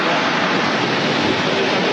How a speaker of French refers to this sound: Ah, on y est là, hein, on est dans l'ambiance. Ça fait du bruit. Exactement, et particulièrement cette année avec beaucoup d'avions présents. Donc on vient de voir passer au-dessus de nos têtes des F-16, des F-18, des Rafales grecs, espagnols